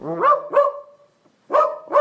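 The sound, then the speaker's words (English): A synthesized dachshund bark from an AI text-to-dog-voice app sounds four times: two quick yaps, a short pause, then two more, loud and clear with no talking. “we have three dog voices to choose from. Chihuahua, Golden Retriever, ooh. Or a Dachshund.”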